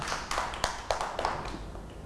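A small group of children claps for another child in a loose, uneven patter, with several sharper claps standing out. The clapping sounds fairly soft, and nobody speaks.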